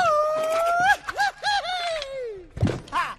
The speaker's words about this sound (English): Now, give me your best grito. My best grito? Come on, yell! Belt it out!